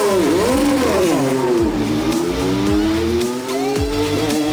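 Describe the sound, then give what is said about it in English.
An IndyCar race car engine screams loudly and continuously during an NTT IndyCar Series race, its pitch sweeping up and down through gear changes as it accelerates and decelerates around the track, with no voices present. “Exit at Thunder Valley, and the rear end of that car stepped out just a little bit, but he was able to gather it back in.”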